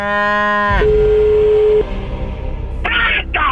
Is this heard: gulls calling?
no